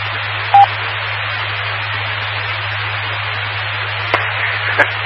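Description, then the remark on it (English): An amateur radio repeater on a 2-meter net beeps once, a short steady tone over constant hiss and a low, droning buzz, heard on a 7100 radio's 70-centimeter listening channel, followed later by a couple of faint clicks; the buzzing hum continues throughout, with no one speaking. “Even after the repeater beeps, I hear a little bit of a kind of buzzing sound.”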